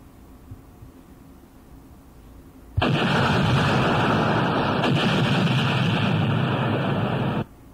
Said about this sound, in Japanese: これでよかったですね。はい、爆発音ね、いきました。